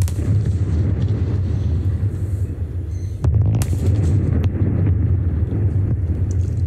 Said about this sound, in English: On a live stream by owner AGL, the two chimneys could be seen crashing into each other before falling to the ground.